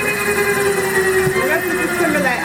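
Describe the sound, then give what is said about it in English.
A steady mechanical drone with a sustained tonal whine, like a helicopter in flight, holding a loud, continuous level throughout with a faint sweeping tone passing through. “How do you concentrate flying a helicopter with someone in there?”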